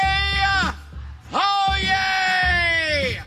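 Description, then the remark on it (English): A man bellows two long, drawn-out cries at full volume, the second held longer and sliding downward in pitch, a booming ceremonial call with a short breath between them. “That's him saying, oh, yay, oh, yay, which is, I guess, his work as a town crier is where he gets the oh, yay stuff.”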